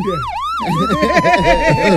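An ambulance siren wails loudly, sweeping up and down twice before switching to a rapid, warbling yelp that continues steadily to the end.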